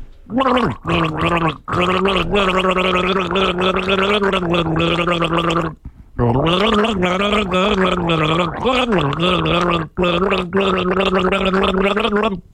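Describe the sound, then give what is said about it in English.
A man gargles water while voicing a band's song melody, producing a bubbling, warbling tone with shifting pitch in sustained phrases, broken by a few short pauses for breath. “He's taking a chug of water, leaning back, ready to gargle.”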